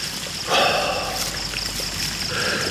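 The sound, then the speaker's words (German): A marble fountain splashes and sprays water in a steady, continuous hiss, swelling slightly after a moment and holding moderately loud, with no voices. “Ein Marmorspringbrunnen sprühte Wasser in die vom Duft der Jasminblüten erfüllte Luft.”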